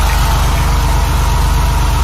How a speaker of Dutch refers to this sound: Precies, zo'n witte Porsche 911 met oranje strepen, inderdaad. Dit. Heel vet. Dat ding gebruikte de Rijkspolitie van de jaren 60 tot de jaren 90. Even de motor horen voor de liefhebbers.